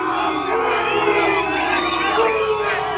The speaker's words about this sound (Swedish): Ja, utanför hotellet ackompanjerades den engelska spelarbussen av intensiva burop från mexikanska supportrar.